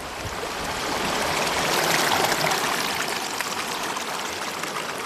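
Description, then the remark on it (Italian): The young Arno river, early in its course in Italy, rushes and burbles steadily over rocks, a continuous wash of flowing water with no voices, swelling slightly in the middle and holding constant. “Quest'acqua che scorre è l'Arno Bambino, ancora ignaro, di Pontevecchio del Mare.”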